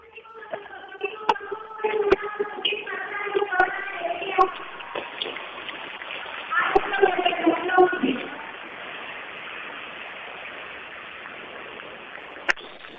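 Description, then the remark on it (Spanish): At the presentation of the lineup for the Feria Huamantla 2026, a voice talks over a murmuring crowd, then dense, steady applause swells up and continues loudly for several seconds, with a few sharp cracks standing out above the clapping. “Se escuchó fuerte el aplauso”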